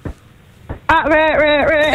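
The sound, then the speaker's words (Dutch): After a brief pause, a person's voice breaks into a loud, wavering wail that imitates a crying baby, sustained for about a second. “Je moet even je beste baby nadoen.”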